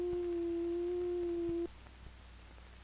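A steady, pure sine wave tone produced electronically by a synthesizer oscillator holds at one pitch for about a second and a half, then cuts off, leaving faint hum; a brief return of the tone appears at the very end.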